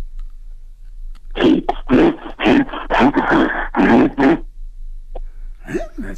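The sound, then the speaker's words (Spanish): A person growls harshly in a run of loud, rough, closely spaced bursts, imitating an angry bear, then falls quiet before a brief breathy sound at the end. “Pues mira, no sé si se parezca a oso, pero animal sí pareces.”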